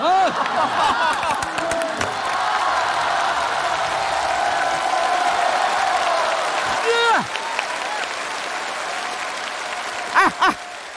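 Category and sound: crowd, audience applause and cheering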